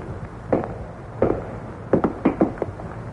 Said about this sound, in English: They keep on coming closer, ever closer. He stands there frozen, unable to move, and still the footsteps come closer.